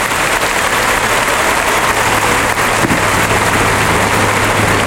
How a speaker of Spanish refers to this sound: Qué gran ovación se está llevando Trujillo. Forte le dice que salude. Se desmontera Juan José Trujillo.